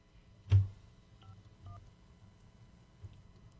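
telephone number being dialed

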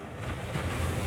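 ocean waves

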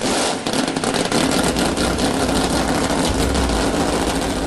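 engines starting and idling

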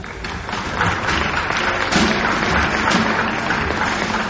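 applause

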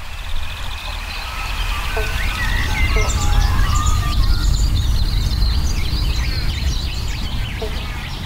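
banjo frogs calling

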